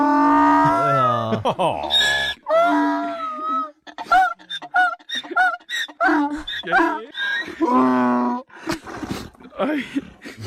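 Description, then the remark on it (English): A donkey brays loudly as it is reunited with its owner, its harsh see-sawing honks coming in several long bursts, with people's voices briefly heard between the calls. “The donkey was psyched.”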